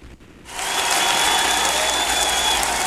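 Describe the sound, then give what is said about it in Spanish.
Audience applause welcoming a performer from Tehuantitán, Jalisco swells in after a brief quiet moment, becoming a loud, steady wash of clapping that holds at full strength to the end. “Eso, fuerte los aplausos porque recibimos al mero mero señor desde Tehuantitán, Jalisco.”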